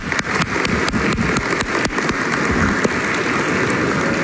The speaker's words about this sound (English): Let's go ahead and give them and other seniors a round of applause.